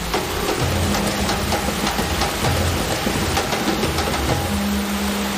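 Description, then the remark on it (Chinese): Heavy artificial rain pours down in a steady, dense roar in a rain-test laboratory simulating a heavy rainstorm at 10 mm per minute to test firearms, water spraying and drumming on surfaces nonstop, with a low mechanical hum faintly underneath and no voices. “我们的淋浴实验室呢，它也是模拟大自然，就是每分钟10毫米，就跟着我们的大暴雨一样，说白了就是类似下雨的大暴雨那种天气一样，就是要考核我们的枪械在那个环境下它的机构动作啊、性能的这些不得到衰减”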